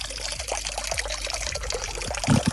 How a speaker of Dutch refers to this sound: Hier loopt weer wat water.